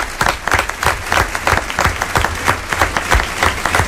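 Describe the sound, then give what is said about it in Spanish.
Sustained applause from a sizable audience for the team of a radio drama performance on Onda Cero, dense overlapping claps at a steady, fairly loud level for several seconds with no voices on top. “Un aplauso también para el resto del equipo que hizo posible esta función de radioficción.”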